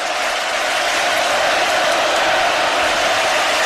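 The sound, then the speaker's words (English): A loud, steady roar from a large crowd at a baseball ballpark, helped by the Scots in the bleachers: a dense wash of cheering and noise that holds at an even level throughout, with no clear voices standing out. “1-0, and the pitch is outside, and this crowd is just so loud with the help of those Scots out there in the bleachers, but it is contagious now around the ballpark.”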